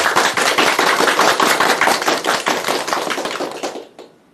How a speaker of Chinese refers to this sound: 我们掌声欢迎。